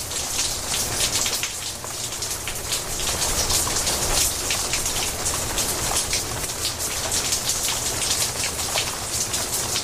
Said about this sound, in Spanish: Y sigue lloviendo.